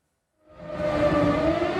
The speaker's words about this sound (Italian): A Lublino e in tutta la Polonia orientale risuonano le sirene. La Russia ha appena bombardato le regioni occidentali dell'Ucraina.